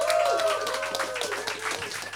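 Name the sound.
audience applause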